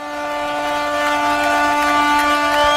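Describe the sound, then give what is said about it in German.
Ship and harbor boat horns blare together in celebration at a harbor festival when the ring thrown by the Bishop of Ravenna has been found: a sustained, layered chord, several steady tones overlapping loudly for the whole stretch, with no voices. “Da freut sich das Schiff und der ganze Hafen, wie Sie hören.”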